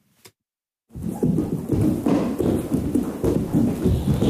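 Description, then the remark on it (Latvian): After a brief click and a moment of silence, loud, rapid thuds of acting students jumping and landing on a wooden stage floor during a movement performance rehearsal at the Latvian Academy of Culture theatre house in Latvia pound on continuously, irregular in rhythm. “Latvijas Kultūras akadēmijas teātra mājā Zirgu pasts dzirdami skaļi lēcieni.”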